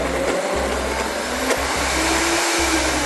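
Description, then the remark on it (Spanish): A blender liquefies chickpeas with salt and a splash of water, running steadily for a few seconds, its loud motor whirring with a deep, pulsing hum underneath and brief shifts in pitch as the contents churn. No voices are heard. “Y por último vamos a colocarle un chorrito de agua para darle una pequeña espesor y lo vamos a licuar en este momento.”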